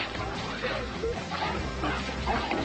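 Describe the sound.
An excited dog named Chuck barks and yips, with high, whining whimpers mixed in, as he greets his owner back after eight months away, over a steady, dense background noise with indistinct voices.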